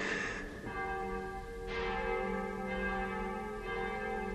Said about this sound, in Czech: Proboha. Zvony. Co? Už zase.